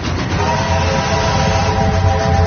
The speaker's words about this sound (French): Alors on va le laisser peut-être sonner un petit peu. Quand les feux rouges commencent à clignoter, il y a 13 secondes avant le passage du train. Pourquoi pas 10, pourquoi pas 15, c'est drôle, 13. Et il vient de Boulogne, justement, là.